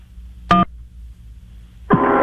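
A single short telephone keypad beep sounds over a low hum as a button is pressed on a song-playing phone helpline, then after a pause a louder, sustained tonal sound begins and carries on to the end.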